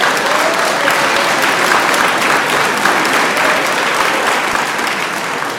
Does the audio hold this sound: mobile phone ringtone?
no